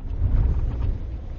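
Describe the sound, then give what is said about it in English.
A truck rumbles along a dirt road on the Fort Mojave Reservation, on its way to a pump that takes water from the river, its low engine drone steady, mixed with gusty, wind-like noise. No one speaks. “Williams parks his truck on the dirt road to visit the pump”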